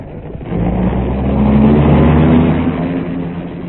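The engine of a dark car hums steadily as it is driven along to an airport, swelling slightly after a brief moment and holding a low, droning rumble with no voices.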